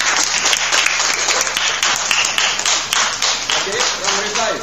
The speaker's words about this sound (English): So a round of applause for everyone.